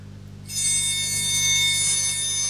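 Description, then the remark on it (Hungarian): A bell starts ringing about half a second in and keeps on in a steady, bright, sustained peal with shimmering high overtones, fairly loud, with no talking over it. “A csengő tetre hív.”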